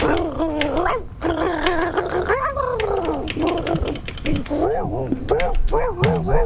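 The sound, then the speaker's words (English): A human voice mimics about five dogs in a dog fight, with rapid, overlapping barks, yips and growls running loud for several seconds, including a raspy, wheezing bark from one dog meant to have emphysema. “Ralph took off and met up with about 5 other dogs. And I can't do 5 dogs.”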